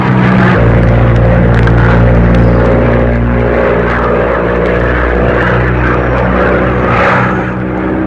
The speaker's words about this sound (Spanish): La avioneta se cimbraba como si fuera a estallar en pedazos. El viento huracanado lanzaba el aparato de una posición a otra como si fuera un frágil juguete.